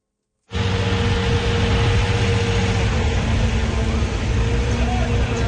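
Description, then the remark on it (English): A large municipal water truck engine runs steadily in Prague during a heat wave as the truck sprays down city streets and sidewalks, a loud, continuous low rumble with a constant hum that starts abruptly and holds without change for several seconds. “In Prague, municipal water trucks are out in full force, spraying down city streets and sidewalks to keep pedestrians cool.”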